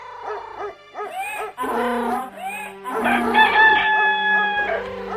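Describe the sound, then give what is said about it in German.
A rooster crows loudly, its calls overlapping with other animal cries and hooting sounds in a dense, busy mix with no speech. “Dem Hahn gefiel der Vorschlag und er ging mit.”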